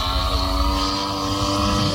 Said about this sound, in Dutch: Herkent u het motortje al? Wat zegt u? Dus je hebt de motor niet, maar het geluid wel. Ja, precies. Want dat is zo'n model vliegtuig waar we het over hebben.